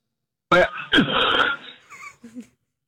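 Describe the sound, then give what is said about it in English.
Two harsh, rasping coughs burst out one after another, followed by a few short, strained wheezy throat sounds as someone on the phone clears a piece of cereal stuck in their throat. “I didn't mean to cough on the phone.”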